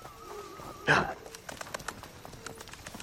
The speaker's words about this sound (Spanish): Le entrega la rienda a uno de ellos. Se monta al caballo de su compañero y se marchan.